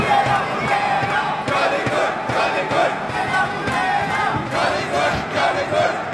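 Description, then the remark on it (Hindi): A large stadium crowd chants "Pullela, Pullela" and "Jolly Good" in loud, rhythmic unison, voices swelling in repeated waves of shouting that fill the space continuously, with no single speaker standing out. “बार बार stadium Pullela Pullela, jolly good के नारों से गूंजता।”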